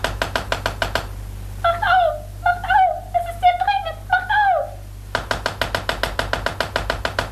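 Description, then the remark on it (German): Loud, rapid knocking on the door of a palace room in fast bursts, with a stretch of high, sliding vocal sounds in between before the pounding starts up again. “als sie plötzlich durch heftiges Pochen an der Tür des Palastzimmers, in dem sie untergebracht waren, aufgeschreckt wurden.”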